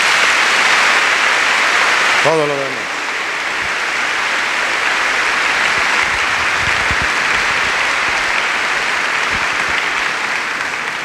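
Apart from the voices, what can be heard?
audience applause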